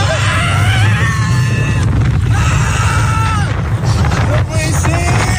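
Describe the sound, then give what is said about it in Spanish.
Riders on a roller coaster scream and shriek in long, wavering wails over a loud, steady rumble of the ride, with several voices overlapping. “No por los gritos, claro, que está pegando.”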